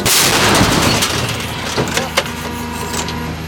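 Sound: artillery gun firing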